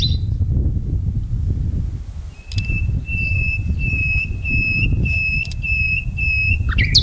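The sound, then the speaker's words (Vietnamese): Steady, high-pitched bird calls repeat in a regular pattern over a dense, rumbling low background, with a brief whistle-like note at the start and end, in a 3-hectare bird sanctuary garden within the city of Cà Mau, Vietnam. “Đặc biệt thì ở tại đây là một cái địa điểm duy nhất của cả nước là có một cái vườn chim trong lòng thành phố với diện tích là 3 hectare trong tổng số 9 hectare đó.”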